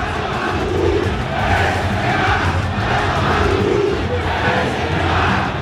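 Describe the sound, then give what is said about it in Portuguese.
A massive stadium crowd of Vasco fans at São Januário boos and jeers Neymar in a sustained, roaring wall of voices, with swelling chant-like surges rising and falling every second or so throughout. “Olha só, a vaia.”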